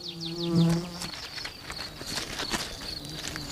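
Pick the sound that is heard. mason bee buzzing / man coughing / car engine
mason bee buzzing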